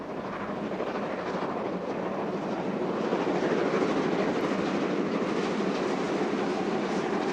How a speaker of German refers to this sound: Gut eine Stunde später passiert unser Zug die Plassenburg oberhalb von Kulmbach.